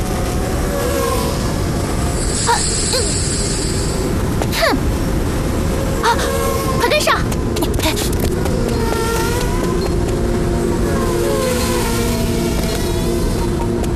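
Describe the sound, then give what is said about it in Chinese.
A drone flies overhead after dark, its motors giving a steady whirring hum that rises and falls in pitch, layered over a continuous rumbling, clattering background with occasional sharp bursts. “啊？是鹏飞的无人机。”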